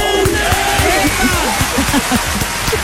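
A Radio 1 audience cheers and applauds a contestant playing for the first time, steadily for about three seconds, with many voices whooping and shouting over a dense, continuous wash of clapping at constant loudness.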